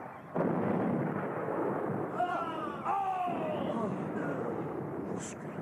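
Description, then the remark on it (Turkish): A dense, continuous roar of enemy artillery and gunfire, falling among the soldiers, fills the whole clip at a steady, loud level, with a brief tonal cry or shout rising through the din midway. “Peki, biz neden ateşlerine karşılık vermiyoruz?”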